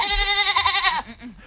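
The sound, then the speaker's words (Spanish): A goat bleats once, loud, a quavering, nasal cry lasting about a second before it cuts off into a softer, low trailing sound. “Van a desfilar con una cabra de mascota con el nombre de Babieca.”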